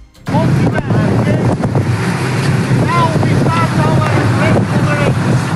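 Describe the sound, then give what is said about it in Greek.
A Greek coast guard boat's engine drones steadily on open water southeast of Gavdos as it picks up migrants, loud, with wind buffeting the microphone and scattered voices calling out beneath the rumble. “Το σκάφος του λιμενικού τους παραλαμβάνει και τους μεταφέρει με ασφάλεια σε προσωρινή δομή φιλοξενίας.”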